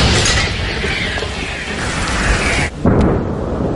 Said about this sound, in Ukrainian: Саме туди, у напрямку коси, щойно виявляються цілі, стріляє українська артилерія. Постріл!